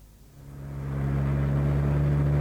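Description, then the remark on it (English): A car engine hums steadily and grows louder over a couple of seconds, a low droning rumble as the car sets off on a drive to Cannes, with no voices. “Going by car to Cannes tomorrow.”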